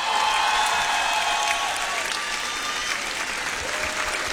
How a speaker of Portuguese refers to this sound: Então, quero pedir um forte aplauso